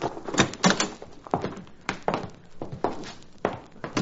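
A door is worked open by a frontier lawyer for a client, with a string of irregular clunks, rattles and knocks, each short and fairly loud, spread across a few seconds with no voices.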